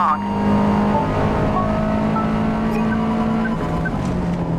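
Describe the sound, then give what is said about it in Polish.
A car engine drones loudly and continuously, its steady hum shifting slightly in pitch as the driver presses the throttle during a timed lap. “Dodajemy gazu.”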